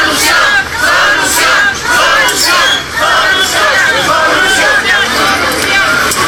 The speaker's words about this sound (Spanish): Al lugar llegó el secretario de Educación, el cual le gritaron consignas que diera solución a la problemática y a las peticiones por parte de los maestros.